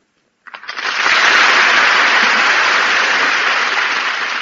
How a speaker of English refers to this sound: I heard the applause of the multitude and I came running out. They must be clapping for me.